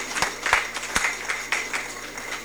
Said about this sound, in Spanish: Entonces vamos a ceder a ver si algún representante de la comunidad de la Unión, a ver si están presentes. A ver, demos fuertes aplausos para que se animen.